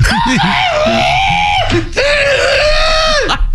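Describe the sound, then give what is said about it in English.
A person imitates a rooster's crow with two long, strained, high-pitched vocal calls, each held steadily before breaking off, loud and harsh like a screech. “I wouldn't be a great rooster.”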